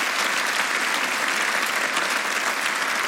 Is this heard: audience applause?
yes